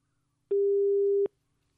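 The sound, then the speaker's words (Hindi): A single steady telephone busy-signal beep after a phone call disconnects, lasting under a second with a faint click at its start and end, sounding clear over near silence. No one speaks. “जी phone call cut चुका है, कोई बात नहीं, आप फिर से कोशिश कर सकते हैं।”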